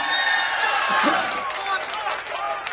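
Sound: audience applause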